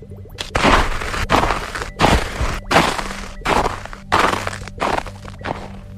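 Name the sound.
crunching freshly fallen snow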